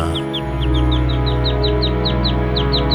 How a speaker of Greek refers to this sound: Τα πουλάκια είναι μέσα στη μουσική.